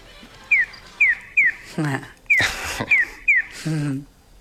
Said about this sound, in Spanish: El gorjeo que escuchamos al principio, este pío pío, es el audio que se escucha en los semáforos que ayuda al peatón a saber de qué lado va a cruzar a qué lado. Es decir, el gorjeo es de este a oeste.